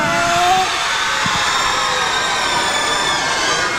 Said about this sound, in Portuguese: Vamos, mas quero que estes miúdos todos façam barulho. Estão na Rádio Comercial, façam barulho!